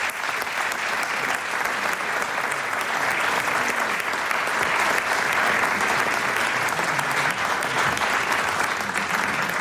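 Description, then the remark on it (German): A sustained round of audience applause welcoming two guests, many hands clapping steadily and densely for the full length, loud with no pauses. “Und die kommen nochmal einen großen Applaus ob die Böen,”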